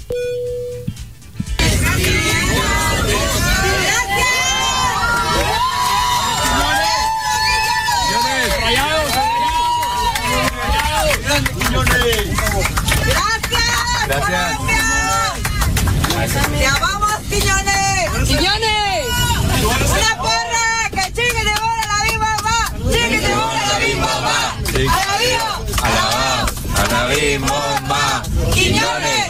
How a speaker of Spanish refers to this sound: un momento único se vivió en un vuelo comercial, normal, cuando la gente se dio cuenta de que alguien especial volaba ahí. Julián Quiñones iba a bordo. Y cheque nada más la ovación que se llevó por parte de los pasajeros mexicanos.